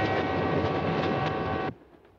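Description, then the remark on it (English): A passenger train with upper berths, travelling from Manhattan to Chicago, runs on the rails with a loud, steady rumble and a faint tonal whine, then cuts off abruptly, leaving near silence. No one speaks. “A train may be an old-fashioned way to travel, but an upper berth can be a lovely place to go when it's your time to go.”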